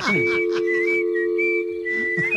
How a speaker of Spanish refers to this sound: Mientras que le llama, me voy a poner a chiflar, ¿eh?